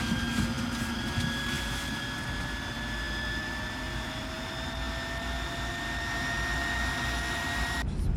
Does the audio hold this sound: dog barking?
no